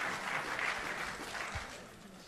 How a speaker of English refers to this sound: Ladies and gentlemen, please, a big round of applause for the chairperson of the South African Football Association, Dr. Denis Jordan.